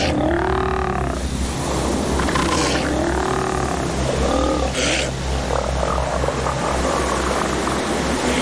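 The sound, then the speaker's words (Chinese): Elephant seal pups on a beach play-fight, mimicking adult males, barking and bleating in short, wavering calls while scuffling, several bursts over a few seconds, all set against a steady, loud roar of surf. “幼崽们会在海滩上再待两个月，这期间他们一直在放松、睡觉或玩打仗游戏。他们经常会模仿成年雄性相互嬉戏打闹。”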